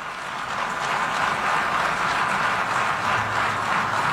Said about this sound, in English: I just wanted to play that part where they applauded at the end.